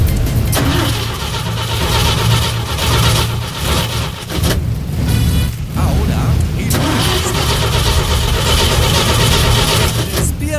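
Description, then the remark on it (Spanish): A car engine cranks over and then settles into a loud, steady idle, its low rumble running continuously for the full ten seconds. “Ni pensar en calentar el auto hasta ahora.”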